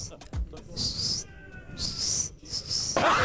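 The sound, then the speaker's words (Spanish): A person whistles imitating a football referee's whistle while retelling an England versus Norway match: three shrill, high-pitched blasts, the last two close together, with a faint lower tone between the first two and some breathy noise around them. “Espérate que yo no sé silbar.”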